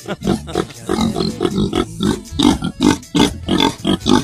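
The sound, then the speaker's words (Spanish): Several pigs grunt in rapid, overlapping bursts, a steady stream of short snorting oinks with little pause between them. “Bueno, estos son los hermanos porque el otro ya está carneado ya.”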